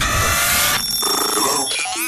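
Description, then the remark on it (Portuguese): A bright, electronic telephone ring fills the moment: a dense, buzzing trill that breaks off, followed by a few shorter warbling tones, fairly loud with no voices. “Vamos ao telefone, mais uma vez.”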